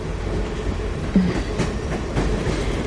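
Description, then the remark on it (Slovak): Steady low rumble of a passenger train rolling along the rails through Slovakia, with faint rhythmic clacks from the wheels over track joints and a brief tonal squeak partway through. “Ale vždy lepšie ako autobus. Vlak je predsa len pohodlnejší.”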